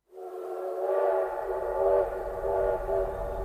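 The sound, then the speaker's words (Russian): A steam locomotive whistle blows in one long, sustained, slightly wavering blast with a rich chord of tones, loud, over a low rumbling background, as the locomotive releases huge clouds of steam before the train departs. “Паровоз свистнул, выпустил огромные клубы пара, показывая, что рвется в дорогу.”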